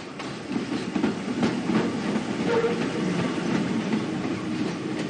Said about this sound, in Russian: Метро, автобус.